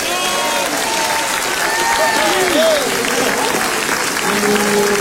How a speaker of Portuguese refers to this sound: Quem pode bater palmas e dar glória a Deus?